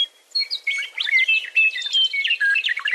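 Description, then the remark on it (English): A meadowlark sings a rich, melodic phrase of rapid whistled notes that rise and fall in quick succession, clear and fairly loud with no voices or other sounds around it. “Every year, we knew it was spring when that bird or its subsequent generations came, I swear, to the same telephone pole and just ripped out this incredible song that we could hear, you know, 150 yards away.”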